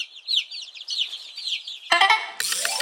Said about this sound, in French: Ah tiens, en parlant d'œuf, voici la poule.